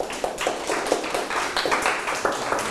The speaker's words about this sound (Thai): นั่งลงครับปรบมือให้เพื่อน